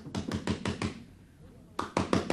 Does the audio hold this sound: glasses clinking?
no